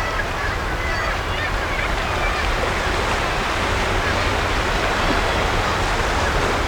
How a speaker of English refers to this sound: But as I look down at the impressive waves, eating at the soft chalk land beneath my feet,